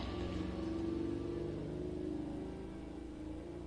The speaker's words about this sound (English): And of course, we have the natural AC going here. Doors and windows are open, so you will hear cars and motorcycles hiss by my window.